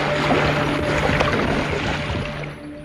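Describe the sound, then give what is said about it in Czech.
A steady, loud churning rush of water with a low mechanical hum underneath as a ship's propeller turns noisily at the stern, stirring hissing water while the ship approaches New York harbour, continuous and fading slightly at the end. “Stála v místech, kde se nalézalo záložní kormidlo a kde se hlučně otáčel lodní šroub.”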